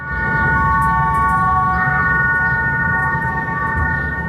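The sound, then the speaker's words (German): A sound installation by Luc Otscher in the historic Mattenlift elevator in Bern plays steady, layered electronic tones in a mid-to-high register, holding almost unchanged over a continuous low mechanical rumble of the running elevator. No one speaks. “Für für seine Masterarbeit an der Hochschule für Kunst in Bern hat er den historischen Mattenlift in Stadt Bern in eine Klanginstallation verwandelt.”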